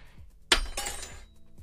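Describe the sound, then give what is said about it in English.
A metal spoon, just used to stir coffee in a mug, drops with a sharp, bright clink, followed quickly by a second clattering bounce and a short ringing tail; fairly loud, with no voices. “You pour coffee into a mug, stir it, then drop the spoon.”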